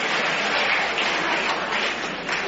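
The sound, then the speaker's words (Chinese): A large crowd of spectators at a table tennis match stands and applauds and cheers Chinese player Zhuang Zedong's final win over Japan's Takahashi, in a dense, continuous roar of clapping that stays loud and steady throughout, with no speech over it and a slightly muffled, old-recording quality. “这是全场观众再次起立为我们中国队员取得最后的胜利而欢呼。”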